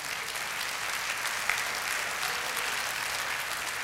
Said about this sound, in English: Oh, yeah, you better clap.